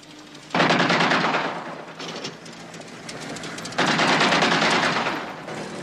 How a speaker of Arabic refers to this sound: ما هذا الذي يفعله؟ ربما رصاصات انذار سيدي.